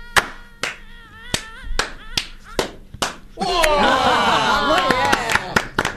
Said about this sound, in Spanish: ¿Vamos a hacer un aplauso en ola? Así. En degradé. Arranco yo. Dale. Un aplauso. Va.